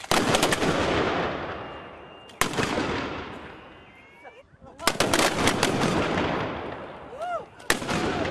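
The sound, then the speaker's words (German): Ceremonial gun salute shots fired at a monument in honour of Prince Leopold I of Anhalt boom out four times at uneven intervals, each a sharp, loud crack trailing into a long rumbling decay, with faint background murmur between blasts. “Danach gab es gleich zwei Salutschüsse zu Ehren des Fürsten.”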